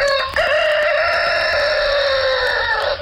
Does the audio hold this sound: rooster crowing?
yes